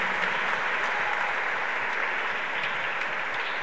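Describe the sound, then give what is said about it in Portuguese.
Sustained audience applause for the mothers after a blessing, a dense, steady wash of many hands clapping at even loudness throughout, with no talking heard over it. “Uma salva de palmas, queridas mães.”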